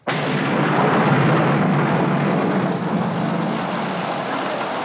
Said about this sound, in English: Look straight up into the rain. That's it.